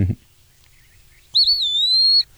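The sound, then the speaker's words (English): An Eastern Wood Peewee sings its 'pee-wee' song, one clear, drawn-out slurred whistle, loud, after a short quiet pause. A voice is briefly heard at the very start. “So he's singing Peewee.”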